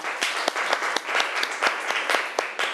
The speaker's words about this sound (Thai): ขอเสียงปรบมือให้ตัวแทนจากกลุ่มที่3ค่ะ